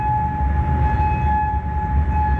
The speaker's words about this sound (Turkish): Kuveyt'in dışında Bahreyn'de de sirenler çaldı.